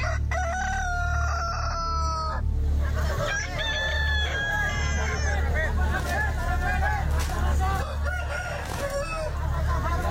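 Roosters crow loudly and repeatedly as they are released into a fighting arena, their drawn-out calls overlapping with bursts of clucking, all over a steady background hubbub of crowd chatter and low rumble.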